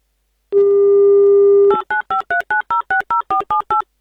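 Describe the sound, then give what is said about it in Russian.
A steady telephone dial tone holds for about a second, then gives way to a quick, evenly spaced run of around eleven short two-pitch dialing beeps as a call is placed to Novgorod Oblast, Russia. Fairly loud with no talking. “давайте прямо сейчас мы позвоним в Новгородскую область Наталье”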